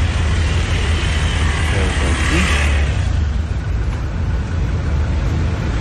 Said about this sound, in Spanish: Estamos atrapados por aquí, a todo el sector de la 70. Ok, ok. Aquí, pueden observar. Por acá, la cola está grandísima. Está larga, ¿no? Los carros. Por acá.